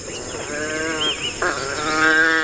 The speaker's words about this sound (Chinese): 它们和其他种类的野犬一样，在为狩猎进行准备时，族群中的成员会对彼此发出叫声，为捕猎加油打气。